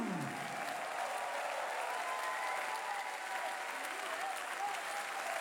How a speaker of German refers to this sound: Die gemeinsame Verbeugung des Ensembles vom jubelnden Publikum hier in Krems.